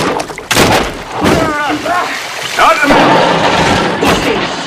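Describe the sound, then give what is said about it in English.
Loud, chaotic crashing and heavy thuds as a cabin convulses, jostling open a closet door and knocking items off the walls, with creaking, groaning strains and rumbling commotion. “The cabin convulses, jostling open a closet door and knocking items off the walls.”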